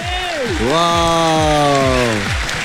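Steady crackling applause fills the whole stretch, with a loud voice whooping over it, sliding down in pitch, then holding a long, level tone before it drops away.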